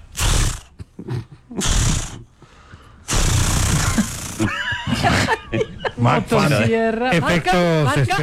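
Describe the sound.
A voice imitates a chainsaw struggling to start: a few short, sputtering pulls, a longer raspy roar, then wavering, rising and falling buzzy tones like an engine catching and revving.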